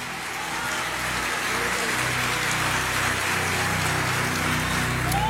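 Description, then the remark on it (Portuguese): An audience applauds the Holy Spirit: a dense, steady wash of many hands clapping that holds at an even loudness for about five seconds, with a faint low sustained tone underneath. “Quem pode aplaudir é o Espírito Santo.”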